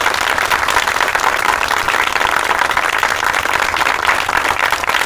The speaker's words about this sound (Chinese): 掌声欢迎。